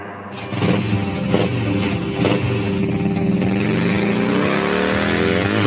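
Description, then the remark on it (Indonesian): A motorcycle ridden by a young child in fifth grade of primary school revs loudly, its pitch climbing and bending as it speeds past, a steady roar that fills the whole stretch with no voices. “Le, kui mau sih numpak motor duluan toh anakmu toh.”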